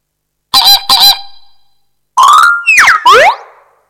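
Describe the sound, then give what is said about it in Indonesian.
Loud nasal flamingo honks with no talking: a quick pair of calls, a short pause, then three more harsher honks whose pitch swoops up and down. “F. Flamingo.”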